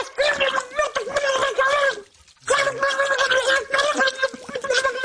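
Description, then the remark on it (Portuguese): Muffled, gargling shouts bubble through water in two long, loud bursts separated by a short pause, the voice warbling in pitch as someone swears with their head put under water. “… mete a cabeça debaixo de água. Pragueja como um estivador a ver a final da taça.”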